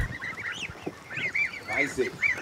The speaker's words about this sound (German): Das sind dänische Fleischgänse, weiß ich, ne? Alle. Die sind jetzt knapp 14 Tage alt.